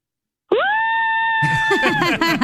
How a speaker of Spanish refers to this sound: ¿puede gritar para promo? Sí, claro, grito.